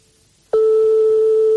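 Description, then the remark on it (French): A telephone ringing tone of a call to a private home, ringing unanswered for a long time: after half a second of near silence, a loud, steady single-pitch beep starts abruptly and holds unbroken until the end, with no voices. “Donc, comme on est chez des particuliers, forcément, ça sonne dans le vide longtemps et ça peut tomber sur un répondeur.”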